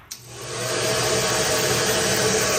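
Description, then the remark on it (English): A hair dryer clicks on and its airy roar quickly builds to a steady, loud whoosh with a low motor hum underneath, running continuously with no voices. “But if you believe online chatter, a hair dryer might be the myth of choice behind 2 unusual temperature spikes in April, detected at Roissy Charles de Gaulle Airport.”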